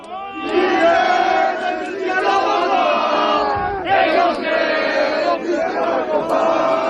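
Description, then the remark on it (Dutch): A large crowd of secondary school students sings the French national anthem together in Grenoble, France, during a school protest, loud and continuous, with a brief dip before the chorus swells again amid shouts. “Ja, dit zijn scholieren die het Franse volkslied zingen in Grenoble.”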